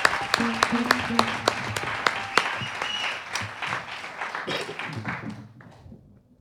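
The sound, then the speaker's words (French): Audience applause for a woman poetry performer: a dense wash of many hands clapping, with a few sharper individual claps standing out early on, steady for several seconds before thinning and fading out near the end. “Encore des applaudissements pour elle, s'il vous plaît.”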